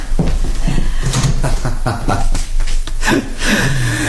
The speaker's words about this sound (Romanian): Deschide ușa de la dulap.